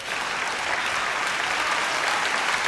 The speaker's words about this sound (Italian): Facciamogli un applauso, sei stato grandissimo.